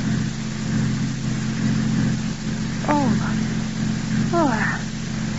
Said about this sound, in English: 5 minutes later, Paul has hurriedly turned the car around and drives back up the road to the turnoff marked Dr. James Harris.